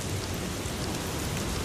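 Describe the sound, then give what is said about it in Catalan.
Steady rain falling, a dense, even hiss of drops spread across the whole range with a low rumbling undertone, constant and moderately loud with no voices. “També amb el so de la pluja”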